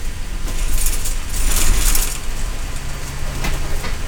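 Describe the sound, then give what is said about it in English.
A Cascades East Transit bus pulls up to a scheduled stop at the Three Warriors Market in Simnasho, on a reservation in Central Oregon, its engine rumbling low and steady while bursts of hissy, rattling noise rise and fade over the first couple of seconds. No one speaks. “The bus pulls up to the Three Warriors Market in Simnasho, one of the scheduled stops.”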